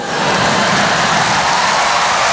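A car engine revs hard, producing a loud, sustained roar that holds steady for a couple of seconds, dense, with no voices.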